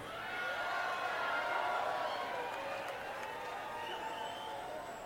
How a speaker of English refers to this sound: That is absolutely the most applause we've ever had for Albuquerque, New Mexico.